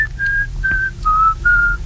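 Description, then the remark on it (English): A person whistles a slow classical melody in the style of Bach, five clear, sustained notes that step gently up and down in pitch, over a low, steady background rumble. “The special whistling. It was too classical.”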